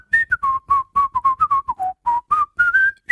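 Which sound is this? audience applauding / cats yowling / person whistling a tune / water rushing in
person whistling a tune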